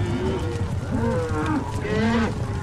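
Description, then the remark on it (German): A herd of longhorn cattle kicking up a lot of dust, mooing over and over, several low, drawn-out bellows overlapping against a steady rumbling din, with no one speaking. “Die Rinder wirbeln so viel Staub auf, dass sie da oben uns nicht sehen werden.”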